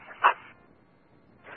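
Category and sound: animal, dog barking and whimpering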